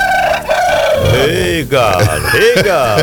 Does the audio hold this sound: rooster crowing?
yes